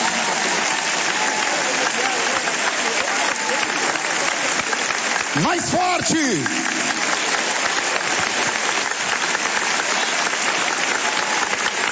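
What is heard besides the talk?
audience clapping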